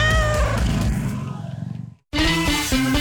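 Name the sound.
cat meowing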